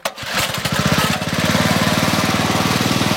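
The motor of a bamboo raft used to ferry people across the Karian Reservoir near Jakarta sputters to life, then settles into a loud, steady, rapidly pulsing drone that runs without pause.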